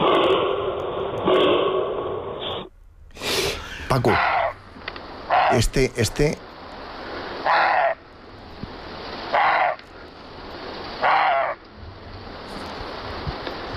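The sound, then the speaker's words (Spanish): A series of short, harsh roe deer barks, repeated at irregular intervals, about five or six hoarse calls, with a voice speaking briefly at the start. “Es la ladra del corzo.”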